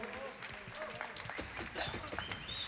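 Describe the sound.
An audience applauds steadily once more for the alto saxophonist, a dense patter of many hands clapping at an even, fairly loud level for the whole stretch, with a few scattered voices mixed in.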